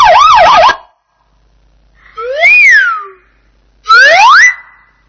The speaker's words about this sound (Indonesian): Mobil polisi.